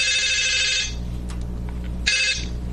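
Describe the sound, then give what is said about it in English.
A telephone rings through an earpiece on a recorded outgoing call, a buzzy electronic burst that stops, then starts again after a pause, heard over a low steady hum with no one talking. “They exchanged telephone numbers, and then it was time for a phone call.”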